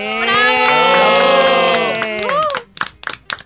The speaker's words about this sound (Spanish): Entonces, a las familias de estos chicos, de los tres, un aplauso.